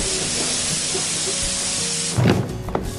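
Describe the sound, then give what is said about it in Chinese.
A steady, loud hiss of air runs throughout as a bus pulls in, then a deeper rumbling surge and a few clunks break in near the end as the brakes release. “多谢阿嬷，我的车来啊，我先来去。”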